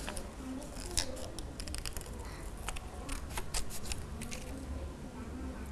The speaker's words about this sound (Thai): จากนั้นคุณครูแพรก็ใช้กรรไกรตัดออกมาเลย